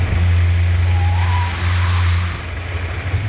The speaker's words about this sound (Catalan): Aquest relat parla d'un snob vestit amb americana i camisa, que porta un cotxe d'alta gamma i que intenta avançar en una carretera secundària al mig del desert un treballador que condueix una tartana i aquest, en principi, no el deixa.